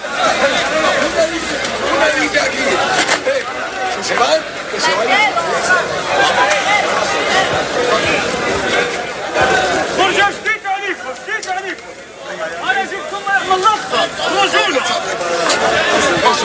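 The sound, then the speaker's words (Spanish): A dense, agitated crowd roars continuously during an afternoon tumult, many voices shouting and yelling over one another at high volume amid attempts at pushing, with sharper individual cries breaking through midway before the din swells again, as riot police fire balls into the air and use batons. “durante la tarde ha habido en algún momento tumulto, es decir, gritos, intentos de empujar para”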